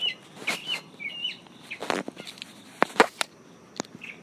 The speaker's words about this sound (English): Okay, so that's been my bit to your bit, from South Carolina, underneath a tree with the birds.